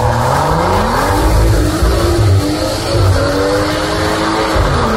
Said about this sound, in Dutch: maar eigenlijk een video van zijn eigen knalpot. Luister even mee.